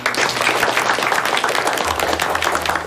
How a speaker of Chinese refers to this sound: 同学们怎么还不鼓掌？